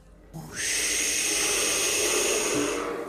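A voice imitates big waves with one long, loud, steady hissing rush that swells in quickly and holds for over two seconds before easing off.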